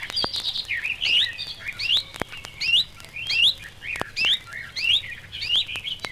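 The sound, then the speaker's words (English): A reed warbler sings a rapid, chattering song, repeating upward-sweeping notes that imitate a chiffchaff's call, heard clearly with no voices. “Like the sedge warbler, it gives a perfect imitation of a chiff-chaff call.”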